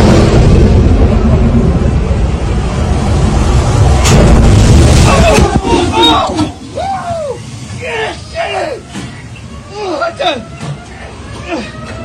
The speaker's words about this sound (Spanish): Sangoloteó el barco de una manera impresionante. ¡Y cómo truena el cielo!